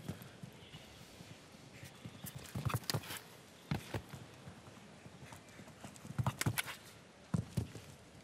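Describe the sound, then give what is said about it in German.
A show-jumping horse's hooves clip-clop in uneven clusters of sharp thuds, bunched groups of strikes separated by short pauses, not loud, with no voices over them. “wie das Pferd durch den Körper hindurch noch einmal drückt, dieser Emerald-Nachkomme”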